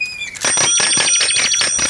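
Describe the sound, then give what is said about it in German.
A bicycle bell rings rapidly and continuously, a loud, rattling trill of quick repeated strikes that starts after a brief high tone and keeps going to the end, with no voices. “Manfred, hör auf zu klingeln!”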